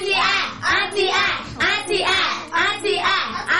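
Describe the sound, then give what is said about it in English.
A group of people claps hands together for a correct answer in a Bible quiz, a steady burst of applause, the dense patter of many hands rising and falling in waves for several seconds, fairly loud. “Correct. A sound clap.”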